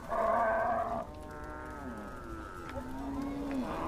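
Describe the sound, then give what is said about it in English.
Cattle of Dinka nomads in South Sudan moo in a chorus of long, drawn-out calls, one loud low bellow followed by several overlapping moos of varying pitch, with a steady murmur of the herd underneath. “It's the cows that really matter.”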